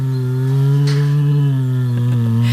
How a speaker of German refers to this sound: Summt gemütlich vor sich hin, ne? Ist aber ein Kragenbär. Und dieser Kragenbär ist zu Hause im Neunkircher Zoo und darf am Sonntag auch mitfeiern.